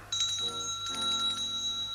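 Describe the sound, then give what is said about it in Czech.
A doorbell rings continuously with bright, steady metallic tones, loud, sustained for about two seconds with no voices. “Tříska do toho, že ani neslyšej zvonek.”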